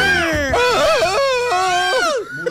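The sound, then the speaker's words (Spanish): A loud, wild scream from a single person in the background of a radio broadcast, given on request, sustained for a couple of seconds with its pitch swooping and wavering up and down before it breaks off. “Denme un grito salvaje a alguien de fondo.”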